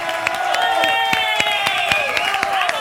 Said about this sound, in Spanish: aplauso para las modelos.